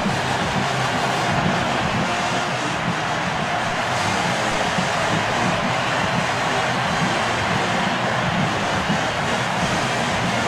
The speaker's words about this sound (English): Crowd gets loud.